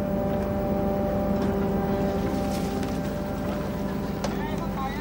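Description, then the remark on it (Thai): A light-luring fishing boat's engine drones steadily and loudly throughout, a constant low rumble with a humming tone, while faint indistinct voices sit beneath the noise; the boat draws schools of fish together. “เรือไฟล่อปลาก็ทำหน้าที่ล่อให้ฝูงปลามารวมอยู่ที่เดียวกัน”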